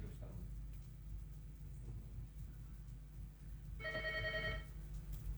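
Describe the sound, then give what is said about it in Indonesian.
A single short telephone ring from a listener calling in to a radio program on RRI Pro 4, a bright warbling electronic burst near the end, sounding over a steady low hum and faint background rumble; no talking. “Kita awali dengan menerima telepon.”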